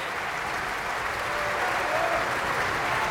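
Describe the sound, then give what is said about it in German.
Steady, dense applause from a large opera house audience as Michael Volle takes his applause, a continuous loud wash of clapping with no voices standing out, holding at an even level throughout. “Michael Volle hier, der seinen Applaus entgegennimmt.”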